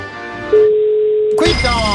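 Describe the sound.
A single steady telephone ringback tone on an outgoing call from a game show to a contestant in Viterbo, which goes unanswered, sounds clearly for about a second, fairly loud, with voices and studio sound just before and right after it.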